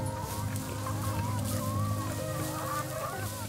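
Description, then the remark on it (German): A flock of monastery-farm chickens clucks continuously outdoors on meadows between a lake and the monastery in winter, overlapping calls over a steady low background hum, with no voices. “Die gackern das ganze Jahr über auf den Wiesen zwischen See und Kloster.”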